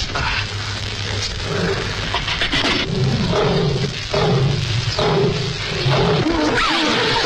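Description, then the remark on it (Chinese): A lion roars loudly, with deep, rumbling growls swelling in several repeated waves over a thick, continuous background of noise, as it breaks through thinly dug ground and falls into a pit. “突然，狮子踩塌了挖薄了的地面，掉进了洞里，吓得他们魂飞魄散。”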